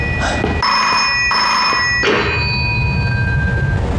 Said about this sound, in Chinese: 接电话去。